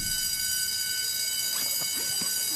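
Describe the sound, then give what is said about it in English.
A school class bell rings in one long, unbroken electric tone, steady and buzzing throughout, while murmuring voices join in during the second half. “Finally, the class bell rang.”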